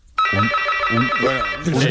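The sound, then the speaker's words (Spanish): A door intercom buzzes in one long, steady electronic drone, rich and slightly harsh, starting abruptly and holding for about a second and a half while voices talk over it. “Telefonillo, es claro.”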